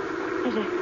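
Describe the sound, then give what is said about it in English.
A steady, droning airplane engine hum whose pitch bends slightly as the plane approaches under an overcast sky, coming in for a landing, heard briefly on its own without any talking. “Hey, that's a plane.”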